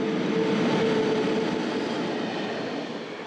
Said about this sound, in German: Wir fahren nun mit unserem Probegüterzug hinein in die Weströhre des Gotthard-Basistunnels. Mit Tempo 100 benötigen Güterzüge rund 35 Minuten für die Fahrt durch den Tunnel.